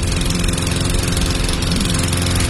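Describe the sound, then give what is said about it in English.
The engine of a lawn mower that needs fixing drones loudly and steadily for a couple of seconds, a rough low rumble with a constant buzzing texture and no voices. “Instead of fixing that mower, why don't we just call J&I Services?”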